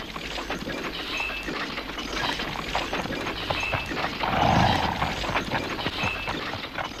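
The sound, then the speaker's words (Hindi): A soldier's horse's hooves clip-clop steadily and rapidly at a constant level throughout, over a busy, rustling background with no voices. “एक सिपाही घोड़े से उतरा।”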